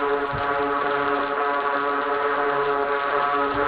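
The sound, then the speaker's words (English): A dense chorus of droning buzz hums steadily throughout, layered and rich, holding an even pitch and loudness from start to finish with no voices present. “This chorus of drones gone mad.”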